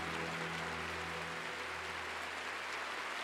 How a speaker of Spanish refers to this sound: aplauso al Señor por la vida de Susi.